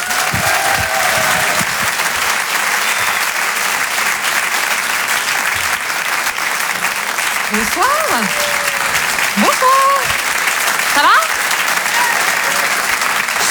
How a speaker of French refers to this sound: Eh bien, vous la retrouvez ici pour ces Open du Rire. Je vous demande de l'applaudir comme il se doit.